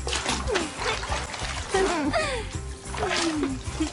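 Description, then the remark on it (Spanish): Water splashes and sloshes continuously as a dog is bathed with soap and bubbles, with bursts of splattering and churning, while an animated voice talks over it with rising and falling pitch. “De hecho, es el mejor baño perruno que me han dado.”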